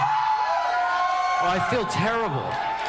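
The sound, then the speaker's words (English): A loud live concert audience cheers and screams continuously, with several voices rising in whoops and yells near the middle over a dense, steady roar of the crowd. “You were all screaming at us, and I never want to go through that again.”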